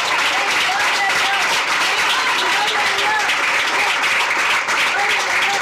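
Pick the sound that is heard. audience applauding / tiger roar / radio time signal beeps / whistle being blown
audience applauding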